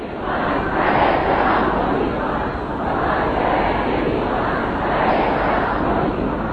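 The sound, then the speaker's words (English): A dense, steady roar of a large crowd at a funeral procession in Iran, many voices blending into a continuous surging murmur with rhythmic swells, as if chanting, without pause, as the coffin is driven on a truck through packed streets. “Many in the crowd waved the red flags that symbolise a search for vengeance in Shia Islam.”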